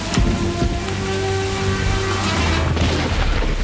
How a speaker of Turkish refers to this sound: Merkez 10-13. Ateş edildi.